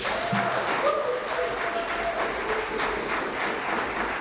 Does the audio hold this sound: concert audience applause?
yes